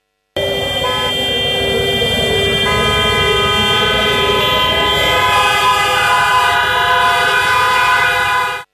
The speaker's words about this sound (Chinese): 上午9时18分，防空警报划破我市城市上空，川流不息的街头似乎被按下了暂停键